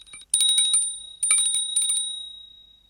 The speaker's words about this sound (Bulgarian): Кой звъни? Аз звъня. Кого търсиш? Никого не търся, господин Паяк. Тогава защо звъниш? Защото съм камбанка.